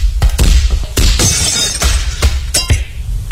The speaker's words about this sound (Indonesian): Arum, kacanya pecah.